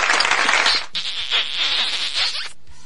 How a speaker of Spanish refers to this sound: Por favor, esos aplausos, besos.